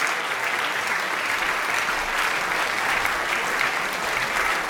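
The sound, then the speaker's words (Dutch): Sustained, even applause from an enthusiastic concert audience that has risen to its feet after César Franck's piano quintet, played by a Portuguese pianist and the British Fibonacci Quartet; a dense wash of many hands clapping at steady loudness with no pauses, rising slightly in the middle. “Het publiek is enthousiast, is meteen gaan staan.”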